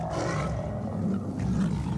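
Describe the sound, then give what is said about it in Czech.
The roar of a green twelve-headed dragon rising from the waves of a lake: a deep, rumbling growl held loud and steady for about two seconds, with a gravelly low tone and a hissing edge, and no voices. “Když tu se začal zvedat vítr, stromy se začaly ohýbat, mezi skalami zahřmělo, z jezera se vyvalily vlny jako na moři a z vln se vynořila zelená obluda s 12 hlavami.”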